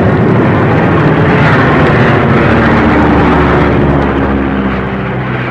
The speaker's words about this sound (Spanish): La tormenta estaba desatada en toda su fuerza. La pequeña avioneta se perdía entre aquel mundo de viento y lluvia huracanada, y los reflejos de los relámpagos encendían de blanco los nubarrones.